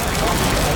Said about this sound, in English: That's the sound of traditionally mature, rich, smoky and spiced pepperoni sizzling away, taking pride of place on a Papa John's pizza.